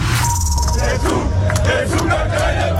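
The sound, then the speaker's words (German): A loud crowd of hundreds of Germany football fans chants and shouts together at Times Square in New York, warming up for the last group match against Ecuador, a dense, continuous roar of many voices with rising cheers throughout. “Hunderte Deutschland-Fans stimmten sich zusammen am Times Square in New York für das letzte Gruppenspiel ein.”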